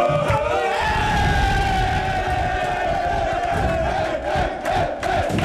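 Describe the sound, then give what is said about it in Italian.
A large crowd of AS Roma football fans cheers and chants loudly and continuously late at night at Fiumicino airport, welcoming the team home from Verona after qualifying for the Champions League. A dense roar of many voices with rhythmic shouted surges and no clear pauses. “A Fiumicino, dove i giocatori sono stati accolti in trionfo, e ancora nei tanti quartieri dove la gente si è riversata”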